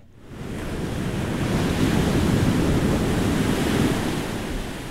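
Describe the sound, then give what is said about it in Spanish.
Ocean waves break on the shore in a steady, broad roar of surf that swells after a quiet start and stays full, with some wind rushing across the microphone. “Hay llamados que llegan justo cuando lo necesitas, y este viene directo del mar.”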